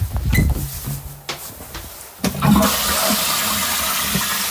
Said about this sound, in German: ich zeige euch jetzt mal die Klospülung. Wartet.